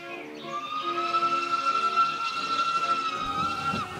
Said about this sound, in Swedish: Till Bökeberg åkte man tåg.